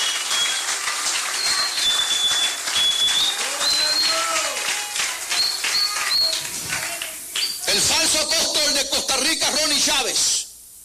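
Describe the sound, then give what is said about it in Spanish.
A church audience claps and cheers steadily to praise God after the preacher calls for applause, with high whistles and shouted voices mixed in, swelling into a louder burst of applause and cries before stopping abruptly. “Si le vais aplauso, véselo con ganas esta noche.”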